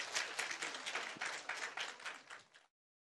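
A crowd applauds to thank a master craftsman, with steady, dense clapping for about two and a half seconds, a bright crackling wash of many hands, before it cuts off abruptly into silence.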